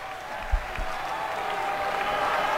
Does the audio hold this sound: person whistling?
no